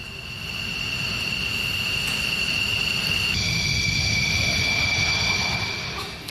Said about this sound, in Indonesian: TNI AU juga akan membuka Lanut Halim Perdana Kusuma bagi masyarakat yang ingin menyaksikan dari dekat persiapan hingga lepas landas pesawat-pesawat tempur milik TNI AU.